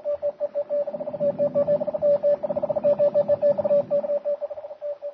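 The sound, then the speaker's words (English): A radio message from a ship taps out as rapid Morse-style beeps, a single steady mid-pitched tone pulsing in short and long bursts over a faint static hiss, with no voices. “But even as the message that will hurry the doom of the ship and all on board crackles through the air”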